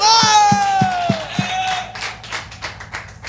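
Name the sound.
audience clapping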